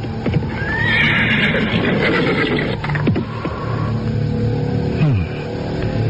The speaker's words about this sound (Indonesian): Arya Kamandanu terus memacu kudanya dan kemudian menghentikannya di sebuah kaki bukit kecil.